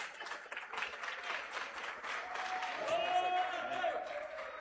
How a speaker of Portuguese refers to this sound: e as palmas glorificam o nome de Jesus.